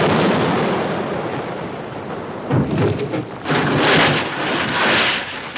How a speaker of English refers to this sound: A 21-gun salute. Look at those beautiful cannons.